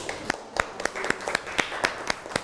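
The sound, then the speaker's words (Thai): A small group of classmates claps for a few seconds for a fellow student at the teacher's request, the sharp claps scattered and uneven rather than in unison, moderately loud, with no one talking. “ดีมากขอปรบมือให้เพื่อนหน่อยครับ”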